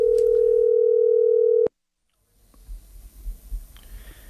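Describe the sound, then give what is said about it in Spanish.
A steady, loud telephone dial tone hums for about a second and a half, cut off by a sharp click, followed by silence and then faint line noise with a small click, as a radio show dials out again during a call-in contest. “Marquemos otra vez.”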